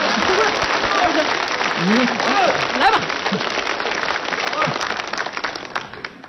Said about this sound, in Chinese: 来， 你看他还来劲儿了啊！来， 你这都鼓掌啊，那是不是啊？